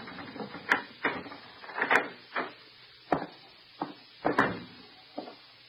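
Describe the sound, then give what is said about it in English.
A series of sharp metallic clicks and rattles as a key works in the lock of a darkened house overhanging the sea on Long Island, followed by the clunks of the door being opened; about nine distinct knocks over several seconds, no voices. “She gave me a key and made me unlock the door.”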